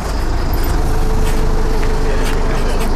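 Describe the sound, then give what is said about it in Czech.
A city bus in Chotěboř pulls away on its first run with its first three passengers, its engine rumbling steadily and loudly with a faint whine over the deep drone, and no clear talking. “Tak vyjíždíme. Premiéra, první tři pasažéři.”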